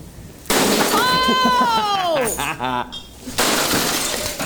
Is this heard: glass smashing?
yes